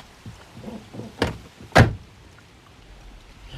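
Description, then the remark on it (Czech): On a cold day, someone climbs into a car with a Prague registration plate that is heading to the Šumava hills. Soft rustling and shifting are followed by a solid door thump shutting it, then quiet interior stillness. “Vidíte, napřed si nastupte. Kábosit můžeme v teple.”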